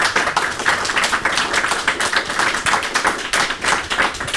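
An audience applauds steadily for several seconds to welcome a guest to an onstage conversation, a dense, even patter of many hands clapping at once with no voices over it.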